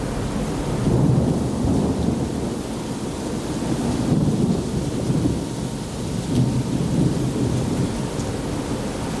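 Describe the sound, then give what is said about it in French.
A thunderstorm at sea while passing Singapore at 5 a.m.: deep thunder rolls and rumbles continuously beneath a steady wash of heavy rain, fairly loud and unbroken throughout, with no voices. “C'est le goût d'un orage en mer.”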